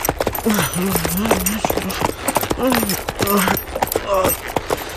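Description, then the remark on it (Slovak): Rapid, steady hoofbeats of a galloping horse drum throughout, loud, while a person's voice speaks over them in short bursts. “mohla naložiť na koňa a odcválať z Buenos Aires skôr, než guvernéra prejde trpezlivosť.”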